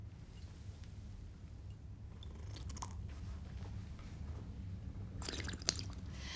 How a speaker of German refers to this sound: So, zweimal drehen. Genau. In drei Schlucken trinken, mit Schlürfen dabei. Sonst war er nicht gut.